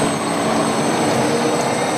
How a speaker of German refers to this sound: So klingt es, wenn ein Elektrobus durch die Wiener Straßen fährt. Nach und nach werden Dieselfahrzeuge durch Elektrobusse ersetzt.